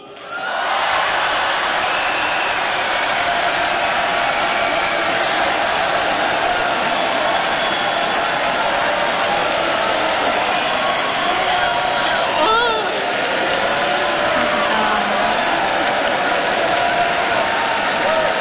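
A large crowd at Jinnam Indoor Gymnasium in Yeosu, South Korea, roars and claps continuously at the host's call, a dense wall of cheering and applause that stays loud and steady throughout, with no clear speech above the noise.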